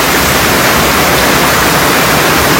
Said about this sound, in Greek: Χαρακτηριστικές είναι οι εικόνες από την περιοχή, καθώς μεγάλες ποσότητες νερού κατέκλυσαν τους δρόμους, παρασύροντας χώματα και φερτά υλικά, ενώ σε αρκετά σημεία το δόστρωμα καλύφθηκε από λάσπη.